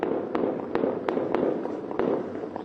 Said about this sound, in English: There have been reports of heavy gunfire in Sistan and Balochistan province. Witnesses say the fighting began early on Saturday after the military and security forces were deployed to the area.